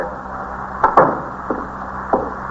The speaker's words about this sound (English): Close the door.